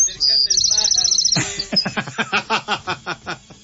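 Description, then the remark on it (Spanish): A small bird is brought up to the microphone in a radio studio at 88.9 Noticias. Its bright, high chirps and quick twittering trill sound very close for about a second, then give way to a loud, rhythmic burst of laughter. “¿Y ahora por qué los pajaritos? Están acercando el pájaro.”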